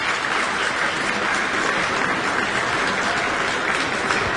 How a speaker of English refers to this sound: And an audience applauding violinist Benjamin Baker with pianist Madeline Zhao.